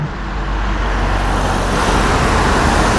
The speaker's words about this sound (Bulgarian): Така изглежда днес една от най-натоварените отсечки по Южното Черноморие между Созопол и Бургас. Маршрут, по който ще преминава всеки един гост на Евровизия, отседнал на юг от Бургас.